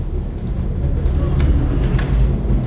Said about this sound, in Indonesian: Jadi tadi ada bis satu yang berhenti memang ngetem di belakang saya. Sekarang bisnya mundur, terus untuk jalan lagi dia harus mundur karena terlalu mepet dengan kendaraan saya.